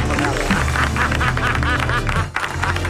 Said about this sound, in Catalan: Un fort aplaudiment per Ricardo Darín.